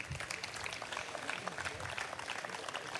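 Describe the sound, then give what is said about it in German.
A crowd applauds steadily outdoors at a neighbourhood festival on Karlsplatz, clapping for volunteer initiatives, a dense wash of clapping hands that holds at an even level throughout, with a faint murmur of voices underneath. “Ein Applaus auch für diese ehrenamtlichen Initiativen.”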